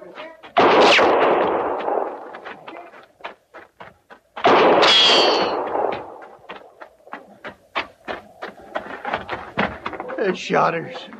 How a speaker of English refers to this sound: The shotter have got no call to do that. Now, she's as much army as we are. No reason for him shooting a horse.